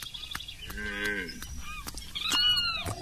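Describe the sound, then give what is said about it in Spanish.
A single drawn-out moo from a cow or calf during milking, fairly loud, followed by higher-pitched animal calls and scattered clicks in an outdoor farm setting, with no talking. “Ya apoyó la vaca, papá. Bueno, amarra el becerro y busque la totuma.”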